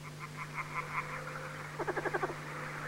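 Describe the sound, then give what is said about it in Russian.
A frog croaks in two bursts: a slower run of throaty pulses, then a quick rattling trill of about seven notes, moderately loud over a steady low hum, with no one speaking. “Видит, сидит лягушка.”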